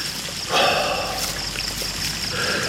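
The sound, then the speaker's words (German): A marble fountain spraying water at night: a steady, hissing splash of falling water that swells slightly after a moment and runs continuously, with no voices. “Ein Marmorspringbrunnen sprühte Wasser in die vom Duft der Jasminblüten erfüllte Luft.”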